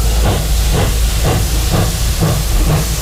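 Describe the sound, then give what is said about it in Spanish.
A steam train hisses steadily, with rhythmic chuffing bursts roughly twice a second riding over a constant loud wash of steam. No voices are heard. “La verdad es que este tren es un poco como de vapor, ¿no?”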